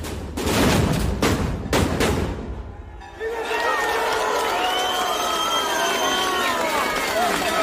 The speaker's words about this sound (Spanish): La peregrinación hacia el Cristo de la Luz de Dalías. Así sonaban el año pasado los cohetes.